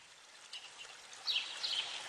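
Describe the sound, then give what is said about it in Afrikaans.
A small stream trickles and burbles steadily, a soft continuous watery hiss with brighter splashy flickers, no voices present. “Na 'n hele ruk kom sy by 'n stroompie aan.”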